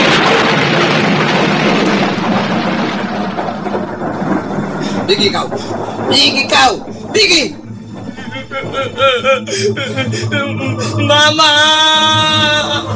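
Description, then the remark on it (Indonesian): Heavy rain hisses steadily while thunder rumbles and a few sharp lightning cracks burst out loudly, with a man and then a higher voice shouting over the storm. “Petir menyambar dan hujan pun turun dengan derasnya.”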